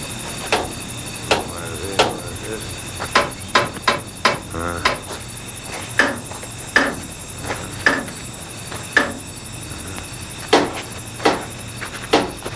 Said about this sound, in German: nahm einen besonderen Hammer heraus und beklopfte vorsichtig und schweigend jedes Rad und jede Schraube